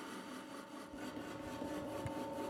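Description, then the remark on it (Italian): A steady mechanical rumble and grinding hum of the wooden wheels and local-stone millstones of a new mill turning again after years of silence, grinding cereal grains into flour, continuous, with a few soft knocks and creaks mixed in and no voices. “Dopo anni di silenzio, le ruote si sono rimesse in moto.”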